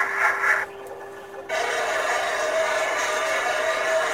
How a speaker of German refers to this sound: Das ist ein U-Boot. So klingt ein U-Boot. Dieses Platschen, das war ein Torpedo, der da irgendwann ins Wasser geworfen wurde. Das war nur zum Aufzeichnen, damit man weiß, was ist das.